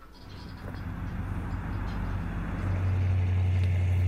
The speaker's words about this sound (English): It means you got to listen to a car drive around a little bit here. Which is cool because Brad's really into automobiles. That's an old car. There you go. Oldsmobile.